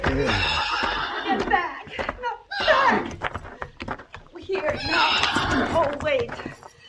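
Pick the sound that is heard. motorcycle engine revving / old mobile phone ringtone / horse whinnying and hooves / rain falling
horse whinnying and hooves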